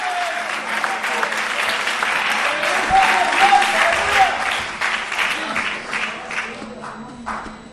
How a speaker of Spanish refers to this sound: Fuerte ese aplauso, hermano.